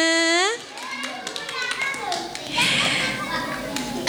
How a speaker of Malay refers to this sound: Yeay, tepuk tangan dong teman-teman semuanya.